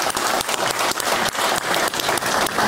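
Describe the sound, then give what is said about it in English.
A crowd bursts into sustained applause, a dense, steady wash of many hands clapping at once, fairly loud, with no voices rising above it. “There's another round of applause.”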